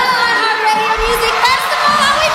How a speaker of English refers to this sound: Can you hear how electric that crowd is?